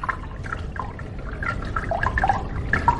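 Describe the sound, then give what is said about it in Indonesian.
River water gurgles and splashes steadily for a few seconds as a golden snail is thrown into the river, with small bubbly plops scattered throughout, moderately loud, growing slightly stronger toward the end; no voices. “Karena rasa iri sang kakak, maka dengan bantuan penyihir berubah menjadi seekor keong mas, lalu membuangnya ke sungai.”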